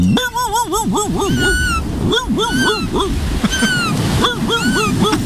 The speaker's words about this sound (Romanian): vrei să alungă porumbelul din... Nu, ce ești? Pescărușul. Pescărușul.